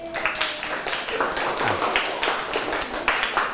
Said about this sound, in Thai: ใครตอบถูกหมดทุกข้อบ้างครับมีไหมเอ่ยโอ้มีหลายคนเลยปรบมือให้ตัวเองดังๆเลยครับ